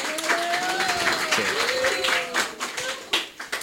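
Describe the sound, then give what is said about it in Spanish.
A crowd applauds with dense, steady clapping that fills the space, while a few voices and cheers rise over it, then the applause thins out toward the end. “Un aplauso a la compa, ¿no?”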